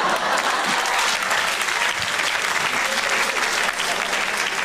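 A stand-up comedy audience claps steadily for an audience member's birthday, a dense, even wash of many hands at a consistent, fairly loud level, with no voices standing out above it.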